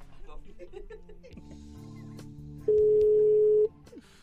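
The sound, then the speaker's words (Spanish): A loud, steady telephone tone sounds once for about a second, clear, after a stretch of muffled background sound and indistinct voices, as a phone call reaches voicemail. “Buzón de voz. La llamada se cobrará al terminar los tonos siguientes.”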